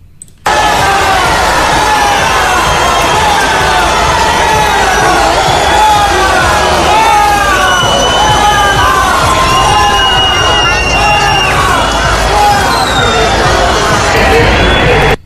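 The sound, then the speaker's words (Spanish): A large crowd cheers and applauds continuously at the sight of King Felipe and Queen Letizia of Spain, with high-pitched shouts and whoops rising over a dense roar of clapping and voices that stays loud throughout. “Los aplausos y la satisfacción por ver a don Felipe y a doña Leticia de cerca contrastaban con los abucheos recibidos por la delegada del gobierno.”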